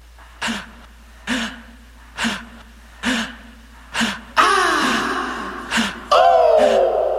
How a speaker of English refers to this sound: The breaths in the song, the panting is, you know, waking up out of your sleep in a cold sweat. And just being scared, you don't know what happened, you know, just what's going on in my life.